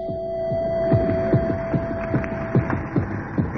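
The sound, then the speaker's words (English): A steady, rhythmic heartbeat coming from deep within a pipe, about nine muffled low thuds pulsing evenly over a constant droning hum, with no voices. “Neither did the sudden recurrence of the heartbeat from deep within the pipe help the repair crew's confidence.”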